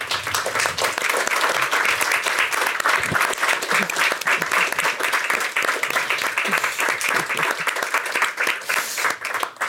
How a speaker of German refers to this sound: Ich darf Sie zu einem Kurzbesuch auf die Bühne bitten und Sie, sehr geehrte Damen und Herren, einen kleinen Applaus für